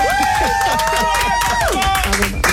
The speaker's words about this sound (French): Bah là, tu m'applaudis, on dirait que c'est mon anniversaire.